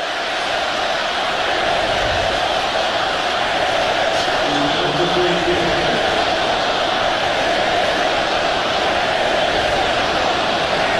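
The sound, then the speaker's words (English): A stadium crowd at a football game gives a steady, dense roar that fills the whole stretch, with a faint, indistinct chant of many voices, something negative towards Chicago, rising briefly in the middle before blending back into the noise. “Got the crowd chanting something. We can't quite hear.”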